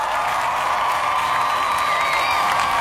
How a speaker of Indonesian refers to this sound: Dan finally, yeay, juara Piala Dunia akhirnya resmi sudah dipegang sama Spanyol, teman Pro 2 yang sukses mengalahkan Argentina 1-0 pada babak final Piala Dunia 2026 di Stadium New Jersey. Kasih tepuk tangannya dulu.